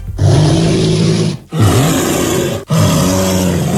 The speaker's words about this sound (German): Also wenn man in einer ähnlichen Lage sein sollte, ein Bär klingt so.